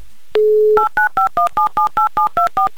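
A steady dial tone briefly, then a quick run of about ten evenly spaced touch-tone beeps as a listener's phone number in Chelyabinsk is keyed in for a repeat call, loud with no talking.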